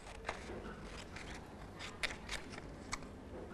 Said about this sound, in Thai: ตัดกระดาษตัดตรงไหนล่ะตัดตรงปลาเลยหรือเปล่าตรงไหนคะที่รอยปะค่ะเด็กๆตัดกระดาษนะคะตามรอยเส้นปะ